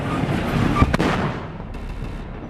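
Explosions boom out at the thunder festival (celebración de los truenos) in San Juan de la Vega, Guanajuato, Mexico, held for the patron saint San Juanito, with two sharp, loud blasts in quick succession near the middle, set against a dense, continuous rumble of background noise that fades slightly afterward.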